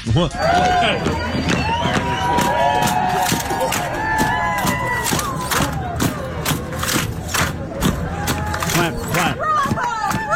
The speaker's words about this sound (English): The 4th of July parade that this town has, it requires you to bring a lawn chair, and then they march you down the road, and they play the lawn chairs like band instruments.